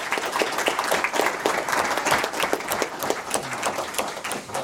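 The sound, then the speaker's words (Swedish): A crowd claps steadily for participants as chocolate is handed out to them, dense overlapping handclaps forming a continuous wash of applause at even loudness throughout, with no voices standing out. “Kom här nu ska vi dela ut lite choklad och ska de få en jättestor applåd.”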